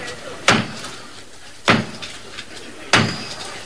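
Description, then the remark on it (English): Three heavy, deliberate knocks on the large wooden door of Canterbury Cathedral, evenly spaced about a second apart, each booming and echoing briefly over a faint background hush; the traditional knock starting the enthronement of Dr. Robert Runcie as Archbishop of Canterbury. “His enthronement started with the traditional knock at the door of Canterbury Cathedral.”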